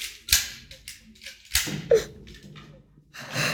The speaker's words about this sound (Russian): А в это время у входной двери возится с ключами глава семьи приора Дон Пипино.